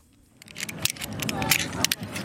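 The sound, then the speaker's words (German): Climbing carabiners click and clink, a quick irregular series of sharp metallic snaps, with indistinct voices murmuring, at an outdoor climbing wall on a sports complex in Holon, south of Tel Aviv, as men and women tie figure-eight knots. “Karabiner klicken, Männer und Frauen knüpfen Achterknoten.”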